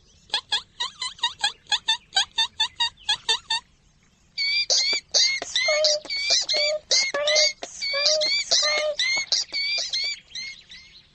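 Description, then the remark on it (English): Voices imitate a mouse with high, thin squeaks: a quick, even run of short squeaks, a brief pause, then a longer, busier stretch of squeaking, all fairly loud. “squeak like a mouse on the run.”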